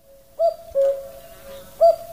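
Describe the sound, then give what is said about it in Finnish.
A cuckoo call: soft, hooting mid-pitched notes rise in three louder swells over a steady, sustained tone, with no voices. “On kuuntelijoiden aliarvioimista tällaista käkijuttua kuunnella lauantajauna.”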